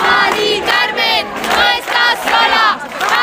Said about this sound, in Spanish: arropada también por los gritos de cientos de ciudadanos en la calle.